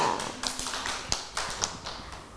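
A small group claps briefly and unevenly, scattered hand claps overlapping at close range for a couple of seconds, moderately loud, with no voices.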